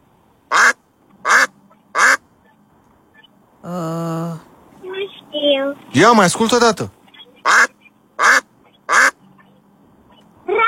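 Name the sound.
duck quacking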